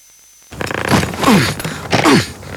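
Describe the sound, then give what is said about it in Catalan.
A zipper is yanked in several rough, scraping bursts, fairly loud, as someone strains to zip a stuffed suitcase that will not close, with creaky squeaks between pulls. “Que no em tanca la maleta.”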